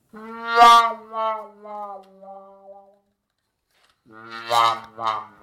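A muted brass horn plays comic, whining phrases, a long drooping wail sliding down in pitch, then after a pause a shorter wobbling burst, sounding like a cartoon mishap or a whimpering dog.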